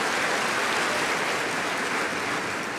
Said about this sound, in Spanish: Y le damos a Él más aplausos en el nombre de Jesús. Amén.